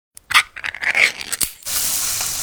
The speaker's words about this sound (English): Oh, hear that? That's the Spam brand singing you a love song. Spam, sizzle, pork, and mmm.